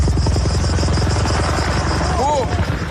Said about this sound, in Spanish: Después de que este era el momento, dos helicópteros que trabajaban en la extinción chocaran en pleno vuelo. Uno de los aparatos se ha incendiado y precipitado contra el suelo y han fallecido sus dos ocupantes, un piloto danés y su copiloto griego.